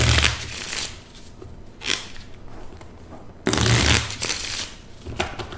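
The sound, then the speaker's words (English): Playing cards being shuffled, with several quick riffling bursts and a longer flurry partway through, followed by softer snaps as the deck settles. No one speaks. “I guess I should take advantage of this opportunity to say hello to my parents and to thank my dad for teaching me how to shuffle a deck of cards.”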